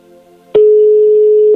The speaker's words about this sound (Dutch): Ai, nee, hij schiet weer naar voicemail.